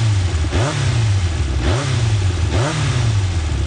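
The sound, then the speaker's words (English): A motorcycle engine revs up three times in quick succession, each throttle blip rising sharply then dropping back to a steady rumble, loud with no voices. “Yamaha revs your heart.”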